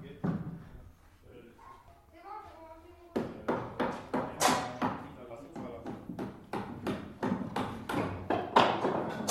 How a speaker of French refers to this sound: Ça perce, ça pointe. On pourrait appeler ça la symphonie des marteaux.